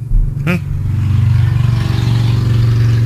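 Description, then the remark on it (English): A motorcycle being ridden outside drones loudly and steadily on a cold, 44-degree day, its low rumbling hum holding for several seconds, with a brief sharp click near the start. “Someone's riding a motorcycle, and it is 44 degrees outside.”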